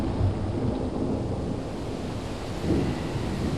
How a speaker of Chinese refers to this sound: 几天中，池阳湖连降大雨，水位暴涨，决堤而出。